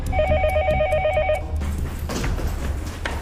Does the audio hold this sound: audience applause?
no